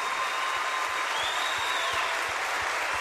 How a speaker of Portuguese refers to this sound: Aplauda bem forte. Aplauda mais forte. Vamos juntos celebrar, queridos.